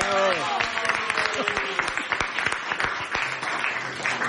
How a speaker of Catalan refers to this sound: A mi em faria molta il·lusió una cosa, i és que es trobessin per primera vegada, a part de les veus dels personatges, els dos personatges, que entrin, sisplau, en Tomàtic i en Mic, sisplau. Fort aplaudiment per ells.